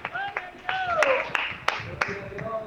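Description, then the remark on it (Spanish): Congregation applause: sharp, loud claps landing in a steady rhythm about three times a second, over a wash of shouting and cheering voices. “Denle fuerte ese aplauso, Señor.”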